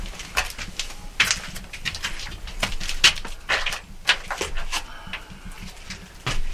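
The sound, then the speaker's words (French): Pigeons coo softly in an old dovecote amid a series of sharp, scratchy rustles and fluttering bursts, with no one talking. “Là, tout est vieux, usé, et c'est un vieux pigeonnier. On a juste fermé la mini vitre pour pas que les pigeons nous rentrent, parce que ça se gère plus aujourd'hui.”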